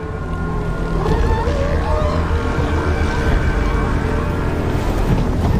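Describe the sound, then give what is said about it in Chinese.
A dominant male northern elephant seal weighing over two tons calls on a winter breeding beach in California, USA, with deep, throaty, rumbling vocalizations, loud and sustained across the whole stretch, over a steady wash of wind and surf noise, with no talking. “这只雄性北象海豹的地位最高，是这片海滩的霸主。”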